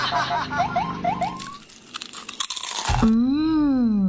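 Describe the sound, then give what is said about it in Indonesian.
Loud crunching of crispy kerupuk gombal crackers, made of tapioca flour, salt and garlic, being chewed, a rapid run of crackly bites, with chirping tonal sounds before it and a sliding musical tone after. “Bungkus satu lagi ya Bu, kerupuk gombalnya. Enak banget.”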